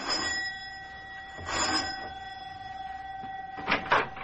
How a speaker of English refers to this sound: Both of them are worried now as Mac presses the doorbell in answer to the professor's elated phone call.